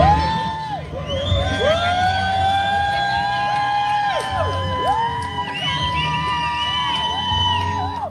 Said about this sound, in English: She made history by completing a solo row from California to Hawaii. She rode on the water 2,400 miles. That's crazy, dude. Here's people cheering for her at the finish line.